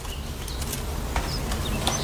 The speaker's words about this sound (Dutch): Wacht, dit is oma's linkerschaar. De enige waar ze echt bij kon knippen. Ja, je hoort ook het verschil van toon, hè?